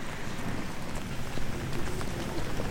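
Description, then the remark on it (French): Light rain falls steadily outdoors at the castle of Caen in Normandy, a soft continuous patter of drops with a few sharper taps, filling the background with no voices, while entering the fortified enclosure. “Et donc, on va pénétrer sous cette petite pluie normande dans l'enceinte fortifiée.”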